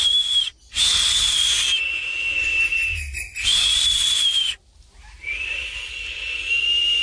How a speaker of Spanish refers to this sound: Los tucanes silbaban desde las ramas.